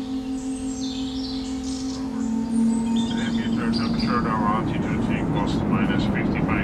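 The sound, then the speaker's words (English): A plane passes overhead near Tatabánya, Hungary, its steady engine drone and low rumble swelling louder partway through, with birds chirping faintly in the background. “Found listener from Tatabánya, Hungary plane nearby sound.”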